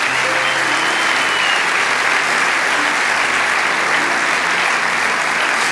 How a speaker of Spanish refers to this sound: Vamos, dale ese aplauso.